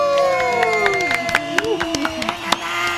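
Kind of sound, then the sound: crowd, audience applause and cheering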